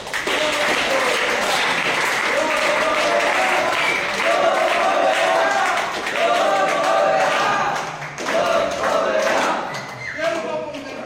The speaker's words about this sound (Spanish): A ver, un aplauso para Jesucristo.